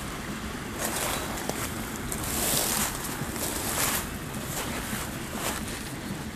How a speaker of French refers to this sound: La clameur de l'eau et du vent se mélange, se marie.